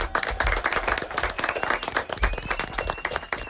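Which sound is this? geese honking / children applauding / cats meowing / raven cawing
children applauding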